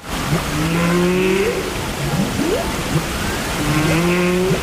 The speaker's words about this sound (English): A choir here in the UK has created a song featuring the sounds of humpback whales off the coast of Iceland.